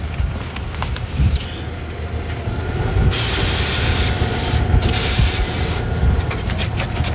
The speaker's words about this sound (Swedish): Ja, nu rullar bussen in här då, så ska vi ta emot dem som eleverna som kommer hit.